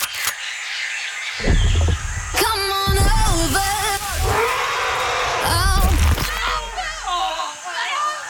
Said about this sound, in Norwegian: Kan du råpe at denne lydeffekten heter faktisk elefant tråkket på noen?